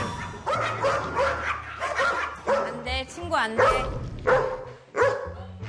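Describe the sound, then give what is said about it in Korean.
Dogs, including one named Pari, bark excitedly and repeatedly as a guest enters, a rapid string of loud barks broken by a brief high whine, with people's voices mixed in underneath. “손님이 입장하는 순간, 어머어머, 얘들아, 너네 환영 인사가 너무 격렬한 거 아니니?”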